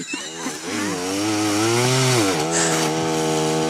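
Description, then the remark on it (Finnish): A chainsaw runs loud, cutting through wood, its engine whine rising steadily and then dipping as the blade binds in the cut because the saw is pushed too hard, with no voices. “Miksi se vähän, niin se vähän työntää sitä sahaa liikaa sinne.”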